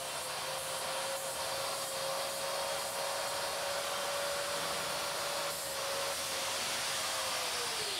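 An angle grinder trims an animal's claws during a claw treatment and health examination, running steadily for several seconds, a loud motor whine over a harsh, hissing grind, its pitch dipping slightly as it eases off near the end.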